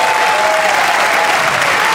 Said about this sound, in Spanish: Fuerte el aplauso al Rey de Reyes.